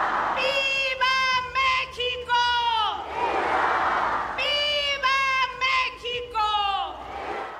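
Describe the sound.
At the Mexican independence Grito ceremony led by Veracruz governor Rocío Nahl from the Government Palace in Xalapa, a loud amplified voice shouts rising, drawn-out cries, and a crowd roars back after each. Two full rounds of call and response, with a steady crowd rumble underneath.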